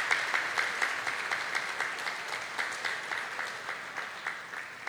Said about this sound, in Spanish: un aplauso a las mamás también, ¿cierto? Las mamás aquí.